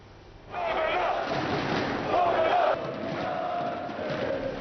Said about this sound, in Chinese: 武契奇在贝尔格莱德的竞技场体育馆出席了造势集会，现场数千名的支持者挥舞着国旗欢呼。